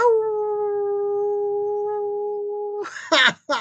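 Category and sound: animal, howl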